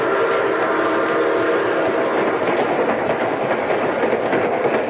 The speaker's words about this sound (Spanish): Después de medianoche, el tren nocturno se dirigía a Morácuaro con toda normalidad.